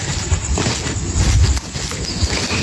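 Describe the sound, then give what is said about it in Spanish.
A horse's hoofbeats clip-clop at a steady walking pace amid a broad, noisy outdoor background at midnight in Santa Cruz Porrillo, the clopping moderately loud, with no talking. “Un caballo escucho por aquí.”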